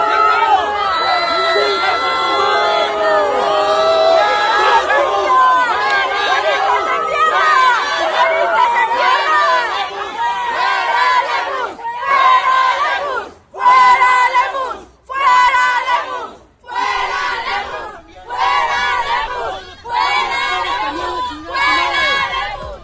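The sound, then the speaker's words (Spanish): A crowd of young students of the Jesuit institution ITESO shouts loudly at Jalisco governor Pablo Lemus at Radio Iteso, booing and confronting him, first in a continuous angry clamor, then in a series of rhythmic, chanted bursts separated by brief pauses. “Y bueno, pues ahí un grupo de jóvenes alumnos de esa institución jesuita lo encaró, lo abucheó,”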